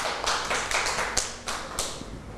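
A burst of scattered clapping from a small group of children, uneven and overlapping claps for a couple of seconds, with no talking over it.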